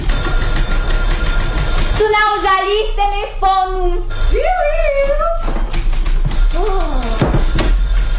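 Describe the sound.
A telephone rings in a notary's office in a few short, repeated bursts, followed by people speaking over a steady low background rumble.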